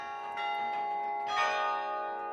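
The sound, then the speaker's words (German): Carillon bells in a tower, played through an iron or wire mechanism running up to the bells and heard across the city centre, ring out in overlapping, sustained tones, several bright strikes layering into a shimmering, harmonically rich wash that swells midway and then rings on steadily. No voices are heard. “man muss hier eine ganze Mechanik aus Eisen oder Draht in Gang setzen, die dann bis da oben hingeht.”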